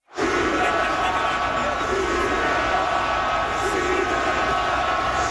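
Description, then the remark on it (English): About 20,000 fans of the Montreal Canadiens at a home playoff hockey game against Carolina yell "shoot the puck" in unison, a dense, steady roar of thousands of voices that swells in immediately and holds loud and unbroken throughout. “20,000 people, give or take, yelling, shoot the puck.”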